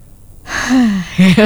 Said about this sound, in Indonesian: Tarik nafas panjang.